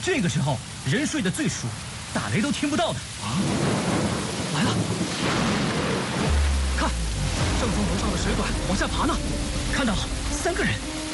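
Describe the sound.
Heavy rain pours down steadily throughout just before daybreak, a dense hiss, with a low thunder rumble rolling in partway through and muffled voices early on.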